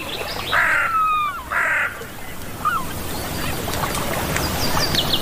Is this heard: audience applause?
no